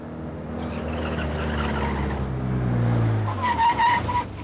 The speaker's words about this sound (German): Der Wagen hat anscheinend einen frisierten Motor. Tempo über 140, Farbe rot, Kennzeichen 2x Heinrich, Heinrich Siegfried 945. Fahrtrichtung Stadt auswärts.